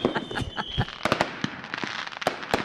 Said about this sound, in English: Love fireworks too